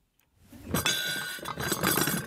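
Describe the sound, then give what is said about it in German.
White porcelain dishes with gold rims clink against each other as they are set down on a cardboard shelf, a cluster of bright, ringing taps over about two seconds, with no talking. “Ton Maton stellt weißes Geschirr mit Goldrand auf eine Ablage aus Pappe.”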